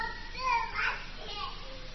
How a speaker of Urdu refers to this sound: لوکاں دے بچے کھیل دے ہیں اور میرا لال کدے بھی نہیں کھیل.